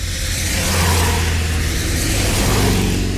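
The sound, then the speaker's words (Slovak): A car engine revs steadily on a road in the rain, a loud, continuous low rumble with a broad wash of noise, rising slightly in intensity partway through with no voices. “Chixi a uteká k ceste. Veď tam, kde sú autá, tam budú aj ľudia.”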